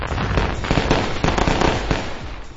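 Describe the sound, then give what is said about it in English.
A loud, continuous barrage of fireworks exploding, with rapid overlapping bangs and crackles over a dense rumbling roar, several sharper blasts standing out along the way. “Celebrate this once-in-a-lifetime 250 years of freedom with family and fireworks from Discount Fireworks Superstore.”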